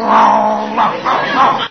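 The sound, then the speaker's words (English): A man down on all fours growls like a dog, a low, rumbling voiced snarl held for well over a second with a few surges in intensity, fairly loud. “He growls, so I'll growl.”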